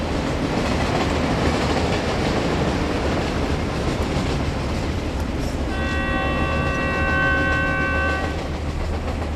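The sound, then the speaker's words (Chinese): A train rolls steadily along the rails with a continuous, loud rumbling clatter, and a long horn blast sounds over it for a few seconds near the end. Soldiers of the Ninth Company are boarding this train to go back to Wuhan. “哎，九连的兄弟们，得抓紧时间上火车啊！”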